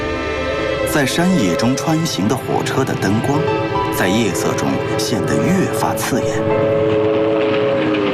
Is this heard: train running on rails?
yes